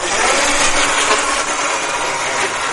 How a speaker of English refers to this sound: And on the floor, there's something that looks like a car battery got in a fight with a Roomba. It scoots back and forth on command.